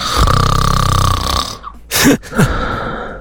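Loud snoring of a sleeping partner at night: a long, rattling rumble for about a second and a half, then a brief pause and two short, sharp snorts.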